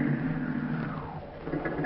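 A car engine hums steadily, its pitch sliding downward as the car slows and pulls over, a continuous rumble that settles to a lower idle-like drone by the end.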